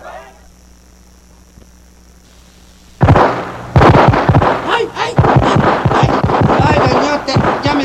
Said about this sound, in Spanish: Si solo están disparando al aire.